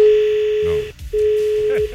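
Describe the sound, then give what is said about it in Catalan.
A telephone busy signal: two long, steady electronic beeps split by a brief silence, loud, with faint voices murmuring underneath. “S'està comunicant només amb els tots.”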